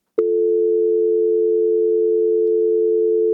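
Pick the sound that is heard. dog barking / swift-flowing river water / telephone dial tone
telephone dial tone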